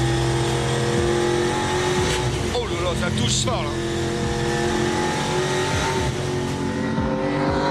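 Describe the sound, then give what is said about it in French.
A V8 race car drones loudly and steadily with a deep rumble on a race track, rising and falling in revs, while a man exclaims over the noise. “Une auto assez mythique et qui procure vraiment le plein de sensations. Et son V8, et eh ben il est pour beaucoup.”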